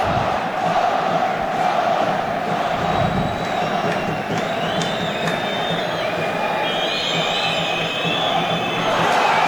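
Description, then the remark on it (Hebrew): A large crowd of Beer Sheva fans at a football match roars and chants "more, more" steadily, a dense wall of voices with shouts and whistles rising above it, loud and continuous throughout. “והקהל של באר שבע צועק עוד עוד.”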